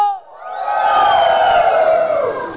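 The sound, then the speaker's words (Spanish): A large crowd at a religious gathering in El Alto erupts in a sustained, loud roar of joyful shouting and cheering, swelling quickly after a brief voice and holding for a couple of seconds. “A ver, un grito, pero de júbilo, pero que ya sale de aquí adentro y que puede hacer temblar toda la ciudad del Alto.”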